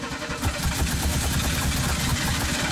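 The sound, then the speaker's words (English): A car engine that takes a while to start cranks and sputters, struggling to turn over with a rapid, uneven churning rhythm, fairly loud with no one speaking. “With a car that takes a minute to start.”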